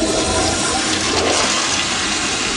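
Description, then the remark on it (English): A toilet flushes in one steady, loud rush of water that fills the whole moment, roaring evenly without fading, with no voices over it. “Your tax dollars are being flushed.”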